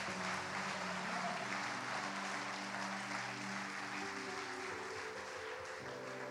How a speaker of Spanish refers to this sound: Aplauda a Dios.